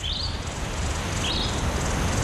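Two brief, high chirps from small birds in the desert, spaced about a second apart, sit faintly above a steady, hissing wind-like background; no one speaks.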